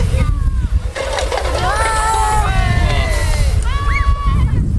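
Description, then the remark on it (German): Water gushes steadily from a fire hose nozzle as the nozzle is turned open, in a continuous rushing spray, with several voices calling out over it throughout. “Und jetzt drehst du vorne auf.”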